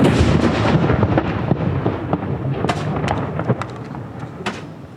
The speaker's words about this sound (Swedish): Kyrkklockor och salut. Smällar hör vi från Norge efter att kung Harald den femte avlidit.